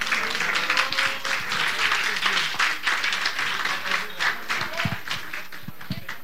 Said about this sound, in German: Sehr schön. Gibt es nochmal einen großen Applaus für die Musik?